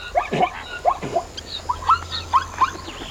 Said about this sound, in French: Dans la savane, il y a plein d'animaux. Il y a des zèbres avec leur pelage rayé et leurs drôles de cris. Écoute. Tu entends ?